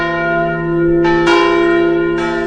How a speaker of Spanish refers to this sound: actualmente mantenemos todavía el toque de tancar muralles, que lo hace la campana Manuel de la Catedral de Valencia todos los días al finalizar la jornada.